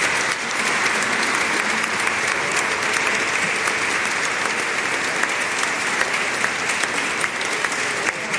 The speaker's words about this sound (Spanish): Vamos a despedir con fuerte aplauso al coro de Analco.